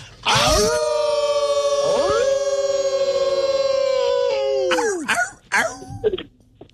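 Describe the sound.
A person in Virginia lets out a long, loud wolf-like howl, a steady high note held for about four seconds with a brief rising glide partway through, then a few short vocal bursts.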